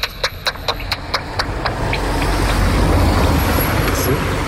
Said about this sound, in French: Par contre, la nocturne de Lesler qu'on vient d'entendre passer, elle chasse en plein ciel et des proies, genre des petits papillons nocturnes. Hop, on entend encore.